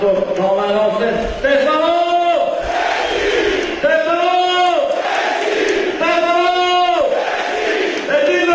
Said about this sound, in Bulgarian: Чувате скандиранията на името на Стефано Сенси.